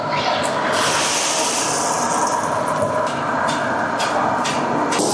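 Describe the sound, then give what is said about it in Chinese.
A loud, steady roar of sizzling and crackling as previously prepared vermicelli is put into a pot of hot oil and deep-fried, a dense hiss with bursts of popping throughout, continuous, with no voices. “将之前准备好的粉丝下入油锅内进行炸制。”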